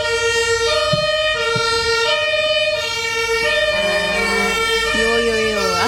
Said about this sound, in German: Auch unterstrichen von den Sirenen.